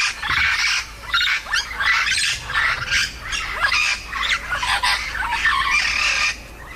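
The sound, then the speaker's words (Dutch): Loud, harsh squawking from yellow-shouldered amazon parrots, medium-sized parrots called the Lora on Aruba, at Vogelpark Avifauna: a rapid run of raspy screeches and calls repeating almost continuously, with no speech. “In Vogelpark Avifauna zijn vier geelvleugel Amazones uit het ei gekropen.”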